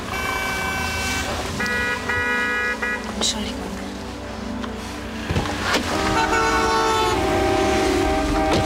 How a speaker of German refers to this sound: Die hupen schon alle.